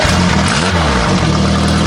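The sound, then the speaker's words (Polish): A small motor engine sputters to life and revs loudly, its pitch rising and dipping before settling into a steady, rattling drone. No one speaks. “Motorek!”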